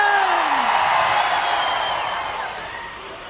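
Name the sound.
audience shouting and cheering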